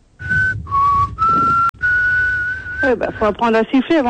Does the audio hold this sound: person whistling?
yes